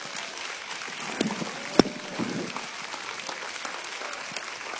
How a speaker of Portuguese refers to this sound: Pode glorificar Deus com as suas palmas.